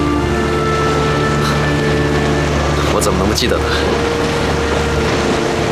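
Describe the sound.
A sailboat carrying passengers to Shanghai moves across the water, a steady low droning hum with a constant wash of water and wind underneath, while a person speaks briefly over it.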